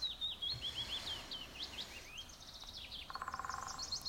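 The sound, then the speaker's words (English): A pileated woodpecker calls amid high, thin bird chirps and whistles, then breaks into a fast run of repeated notes near the end, over a soft outdoor background, with no talking. “It's nice to wake up with the birds. What is that, a woodpecker? A little pileated woodpecker?”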